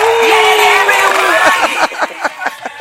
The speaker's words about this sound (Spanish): Bueno, mira, te voy a poner hasta un aplauso y todo.